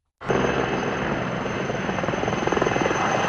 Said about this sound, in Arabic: مع خيوط الفجر الأولى ليوم الاثنين استغلت فرق الإنقاذ اليونانية هدوءا نسبيا في حدة الرياح لتدفع بقطاعها الجوية مجددا إلى قلب المعركة. 9 طائرات إطفاء و9 مروحيات تؤازر أكثر من 450 عنصرا على الأرض في محاولة لمحاصرة 3 جهات حرائق مستعرة غرب العاصمة أثينا